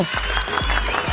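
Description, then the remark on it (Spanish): A short burst of loud, dense crowd applause, a steady wash of many hands clapping at once with no voices over it, lasting just over a second. “Al contrario, un aplauso.”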